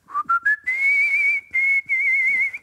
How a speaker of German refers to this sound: Donnerwetter. Er ist ein Kunstpfeifer. Ein Kunstpfeifer. Die … von Altona. So möchte ich sagen.